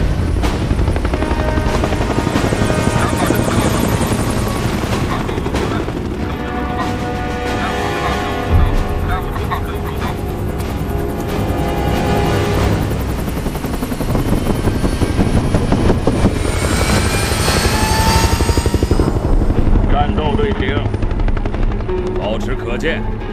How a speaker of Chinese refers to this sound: 飞行员请注意，你们已获准起飞，起飞，起飞，起飞。